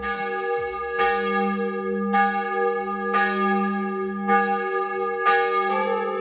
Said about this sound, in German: Ja, das sind die Glocken aus dem Unterland, aus Pill.